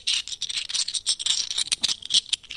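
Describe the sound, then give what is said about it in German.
Seashells rattling together in a steady run of dry, bright clicks and clatters, bunched into quick uneven bursts, moderately loud and with no voices. “Raschel, Ruschel, Kuschel. Gesucht ist die Muschel.”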